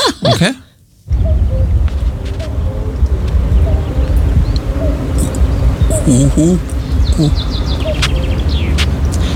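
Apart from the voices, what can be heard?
common cuckoo calling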